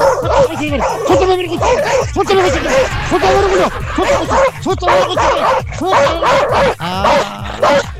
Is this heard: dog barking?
yes